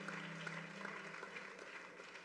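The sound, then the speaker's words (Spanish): Steady applause from an audience, given as applause to God, fills the whole stretch, a dense wash of many hands clapping at an even loudness, with a low hum underneath that fades partway through. “Démelo un aplauso a Dios.”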